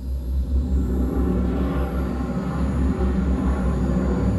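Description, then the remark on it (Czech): Spaceship braking thrusters are fired as the ship is guided in to land on a plain in front of a city. They roar in a steady, deep rumble with a low droning hum underneath, holding constant and fairly loud throughout, with no voices. “Smysy, zážeh brzdících systémů. Provedu, pane kapitáne. Navádíme loď na přistání.”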